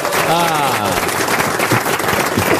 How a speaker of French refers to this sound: Qui a compris par applaudissement? Et ça nous fait plaisir.